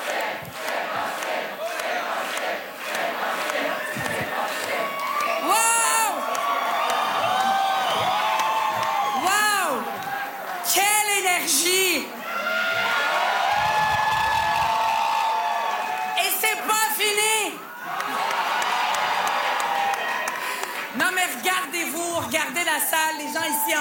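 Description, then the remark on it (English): A large crowd at a Québec Solidaire political rally cheers and whoops loudly and continuously as Rubah Ghazal addresses the crowd, with shouts and chanting voices rising and falling in waves across the whole stretch. “She's addressing the crowd now.”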